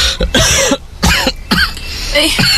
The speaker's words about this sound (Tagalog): Kailan pa ba nagsimula yung ubo mo? Ngayong umaga lang.